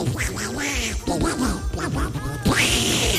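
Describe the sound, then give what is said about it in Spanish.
A person imitates a duck, doing Donald Duck, with a rapid, continuous string of raspy, nasal quacking sounds, loud, running for a few seconds with brief breaks. “Se me entiende, no se me entiende, pero hago como el pato Donald.”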